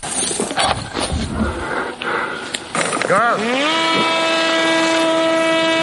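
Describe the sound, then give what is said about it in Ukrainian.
A Furia drone is launched with a whoosh from a stretched rubber bungee cord, then its propeller engine starts in the air as it heads toward an enemy position, its steady buzzing whine rising in pitch and holding loud. “Вже у повітрі Фурія запускає свій двигун і вирушає в бік позиції ворога.”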